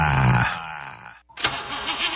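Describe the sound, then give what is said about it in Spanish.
A car engine making strange noises sputters and runs roughly, cutting out abruptly for a moment before returning with an uneven, wavering mechanical whine. No voices are heard. “¿Tu carro ya te está hablando con ruidos extraños?”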